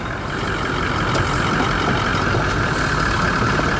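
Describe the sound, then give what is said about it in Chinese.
A heavy vehicle in Africa drives off after tire sealant was put into a tire, driving a stretch so the sealant spreads evenly inside it. Its engine rumbles steadily and loudly in a continuous drone with road noise and no voices. “太棒了，我们得开一段，让补胎胶在轮胎里面均匀分布。”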